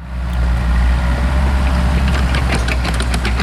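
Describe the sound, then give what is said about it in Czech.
Heavy excavator engines drone steadily with a deep, loud diesel rumble as the excavators dig a new large pond of about 1500 square metres in a forest clearing about 5 km southwest of Český Brod, Kolín district. Scattered metallic clanks and scrapes grow busier toward the end. No one speaks. “Na pasece v lese asi 5 kilometrů jihozápadně od Českého Brodu pracují bagry, hloubí novou velkou tuň, která bude mít rozlohu zhruba 1500 metrů čtverečních.”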